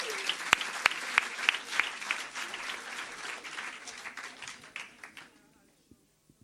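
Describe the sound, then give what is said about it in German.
A crowd applauds the second finalist, a performer from Leipzig, in a two-person final, with dense, crackling clapping and a few sharp, louder claps standing out, sustained for about five seconds before fading quickly into near silence. “Applaus bitte”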